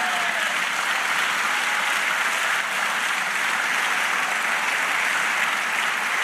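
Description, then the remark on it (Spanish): An audience applauds the Lord in a steady, dense wash of clapping that holds at an even level for several seconds with no voices standing out. “Dale aplauso al Señor.”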